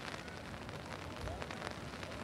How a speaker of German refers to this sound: wir hören es gerade, es regnet und trotzdem versammeln sich auf dem Platz vor dem Schloss schon den ganzen Tag Menschen.